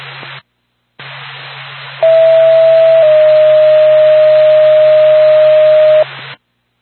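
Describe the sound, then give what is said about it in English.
A dispatch radio alert tone for Lancaster Ambulance sounds over steady radio hiss: a loud, pure tone holds for about a second, then drops slightly in pitch and sustains for three more seconds before cutting off. “Stand by for a tone.”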